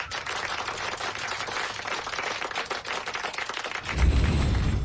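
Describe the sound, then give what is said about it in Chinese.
A class claps steadily for a student who answered a question well, a dense crackle of many hands with no voices, then the applause swells louder and fuller near the end. “嗯，这位同学回答得非常好，大家给他鼓鼓掌。”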